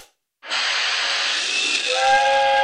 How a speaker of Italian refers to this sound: Ma cazzo, è un treno a vapore. Oh, il treno che esce dalla grotta. Ha investito il bambino.